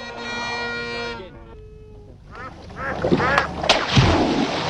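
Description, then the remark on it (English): A duck quacks several times in quick, loud bursts over a busy, noisy background, following a brief sustained tonal sound at the start; from a South African chocolate bar advertisement. “What's this? Duck fetch.”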